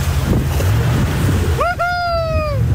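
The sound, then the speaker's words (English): The K2 jet boat carrying Mr Luxon and National Party colleagues speeds across water in central Queenstown with a steady roar, churning spray and wind buffeting the microphone, as a high, sliding whine rises in the final second and fades. “In the afternoon, the snowboarding gear was traded for a giant poncho and life jacket as Mr Luxon and National Party colleagues boarded the K2 jet boat in central Queenstown.”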